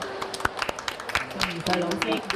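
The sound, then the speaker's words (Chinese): An audience breaks into scattered, irregular clapping of moderate loudness, with voices murmuring underneath that grow a little fuller toward the end. The applause welcomes a noted Hong Kong children's literature author. “今日呢，身边呢，我好荣幸请到香港著名嘅儿童文学作家宋怡穗女士嚟到我哋当中，俾啲掌声。”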